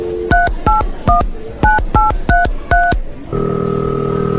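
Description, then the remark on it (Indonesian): Seven quick touch-tone beeps are dialed in an uneven rhythm, each a crisp dual-pitched blip, followed by a steady ringback tone that begins near the end. Clear, with no talking. “Oke deh, aku coba telepon Tara dulu.”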